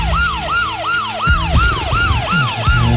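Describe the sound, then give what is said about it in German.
A police siren sound effect on a radio show wails in quick repeating sweeps, each tone sliding sharply down before jumping back up, about eight cycles, loud and steady over a rumbling engine-like undertone with no talking. “Die Musikklugscheißer-Polizei.”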